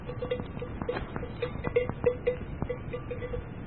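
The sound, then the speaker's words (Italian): A cowbell clanks in an uneven, plodding rhythm as a cow walks, its metallic tone ringing out repeatedly over a low rustling background, with no voices. “Vabbè, seguiamo la mucca.”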